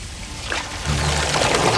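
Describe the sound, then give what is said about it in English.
Water pours steadily into a sink to give Licky a bath, a continuous splashing rush that grows fuller partway through, with no voices over it. “I'll just give you a little bath in the sink.”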